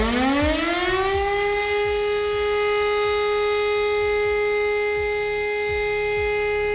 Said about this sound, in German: Um Punkt 11 Uhr geht das Ganze nachher wieder los. Dann hören wir erstmal den Ton für Entwarnung und der klingt so.